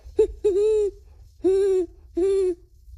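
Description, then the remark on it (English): A 12-year-old boy imitates a great horned owl, giving a short hoot followed by three longer, steady hoots at an even pace, clear with no other sounds. “Great horned owl.”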